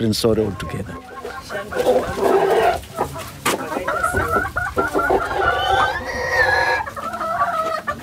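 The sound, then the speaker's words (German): Chickens cluck busily while a rooster crows, the calls overlapping in a steady barnyard chorus with a voice talking underneath. “Ein paar Ziegen und Hühner, ein Acker, eine bescheidene Unterkunft.”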